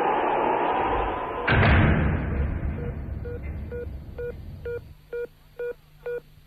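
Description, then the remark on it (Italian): A steady rush of wind noise, the wind having blown open a phone booth door, is cut by one heavy slam as the booth door shuts. Quieter now, a run of short, evenly spaced electronic beeps like phone tones follows. “No, ma è che mi si è aperta la porta qui della cabina, il vento.”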